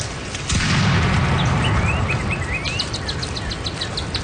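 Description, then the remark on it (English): A single deep cannon boom bursts out and rolls into a long, low rumble, while birds chirp and trill steadily over the top. “Once in a while, they might have heard cannons, either firing to defend the town or to celebrate the arrival of new people.”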